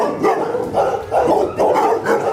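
Several dogs at an animal shelter in Düren, Germany, bark loudly and repeatedly as it opens to visitors at 2 p.m., their overlapping barks and yips forming a continuous clamor with a few brief pauses between bursts. No one speaks.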